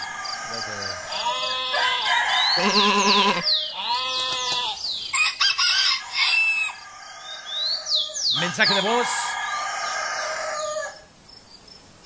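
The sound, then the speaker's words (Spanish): Loud rooster crows ring out several times over a busy barnyard backdrop with other animal calls, and a short spoken phrase slips in before the sounds cut off abruptly. “Ya empezó el gallo.”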